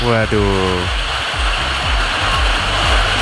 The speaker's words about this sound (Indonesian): Borobudur hujan gerimis.